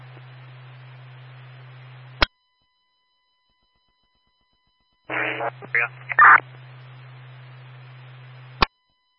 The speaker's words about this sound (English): Unit, all I got was a bunch of static. Can you go one more time?